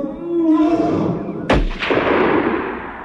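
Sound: rifle gunshot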